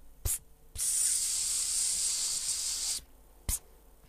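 A short spritz, then a steady hissing spray lasting over two seconds, followed by another quick burst; fairly loud with no voices.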